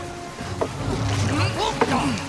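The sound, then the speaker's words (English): Oars dip and pull through water as a small boat is rowed away from shore, in a couple of distinct splashing strokes over a steady wash of water with faint voices and effortful breaths mixed in. “We have to row away from shore.”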